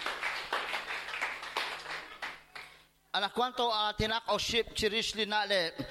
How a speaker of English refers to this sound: A round of applause for Jesus.